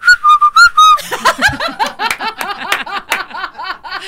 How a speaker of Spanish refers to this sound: Sé chiflar, eso sí, con los dedos. ¿Ah, sí sabes chiflar? ¿Sí? A ver.